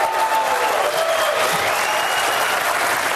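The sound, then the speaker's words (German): Loud, sustained applause from a large crowd at the opening of the NetMundial conference in Brazil, as President Dilma Rousseff signs the Marco Civil internet law; a dense and steady roar of clapping with no pauses and no speech. “Unter tosendem Applaus unterzeichnete Brasiliens Präsidentin Dilma Rousseff zum Auftakt der Net-Mundial-Konferenz ein nationales Gesetz, den sogenannten Marco Civil, der Grundrechte für das Internet auf brasilianischem Territorium festschreibt.”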